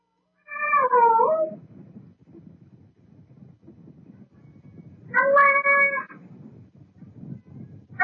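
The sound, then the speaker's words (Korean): A Ragdoll cat sitting in front of a door meows twice, once near the start and again a few seconds later, in drawn-out, bending calls that sound like the Korean words for "mom" and "dad", over a steady low rumbling background. “고양이가 문 앞에 앉아가지고 렉돌이 네. 문 앞에 앉아가지고 엄마, 지금 하는 거예요.”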